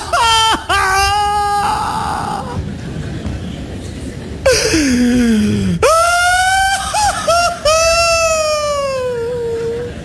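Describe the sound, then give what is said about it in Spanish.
A voice imitates the biblical Joseph's loud, anguished wailing, with long rising and falling cries broken by gasping sobs and brief catches of breath, intense throughout. “Y la Biblia narra que el llanto que vino luego no fue suave ni apacible, así que yo me lo imagino algo como...”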